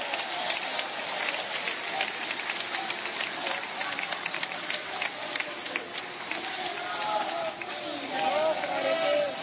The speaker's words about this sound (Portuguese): Oh glória, mistura a glória com essas palmas aí, meus irmãos.